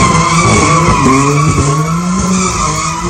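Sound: car tyres skidding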